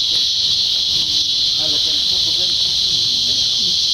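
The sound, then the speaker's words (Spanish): A loud, steady buzzing drone of cicadas stridulating fills the whole clip without pause, with faint low voices murmuring underneath, in the state of Veracruz. “Antes y durante la temporada de lluvias, el sonido de las cigarras o chicharras domina el paisaje sonoro en los bosques y áreas naturales en zonas urbanas.”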